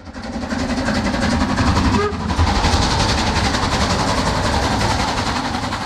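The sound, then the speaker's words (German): A steam locomotive train runs along the rails, a loud, continuous rumbling roar with a fast rhythmic chugging texture throughout and no voices; the train ran from Prague to Cheb and on as passenger train number 3717 to the border town of Asch. “Der Zug mit der Dampflok fuhr zunächst von Prag nach Cheb und dann als Personenzug Nummer 3717 weiter in die Grenzstadt Asch.”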